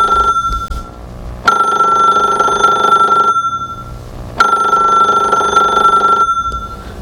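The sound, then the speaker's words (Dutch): A telephone rings in two long, steady bursts separated by a short pause, its bright electronic tone loud with no voices present. It is a listener calling in to the radio programme Gouden Oude Show. “Oh, telefoon.”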